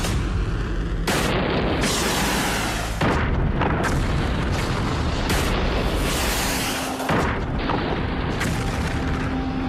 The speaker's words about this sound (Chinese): 一分钟准备， 扫荡扫荡。 导弹遥测工作正常， 发射。 导弹进入高空巡航。